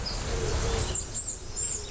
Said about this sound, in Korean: 이거는 파랑새 소리 들리는.